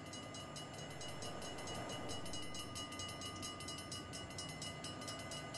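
An approaching train rumbles loudly and steadily at night, its lights drawing near, a loud sustained horn tone riding over the rushing, rhythmic clatter of the rails, with no voices.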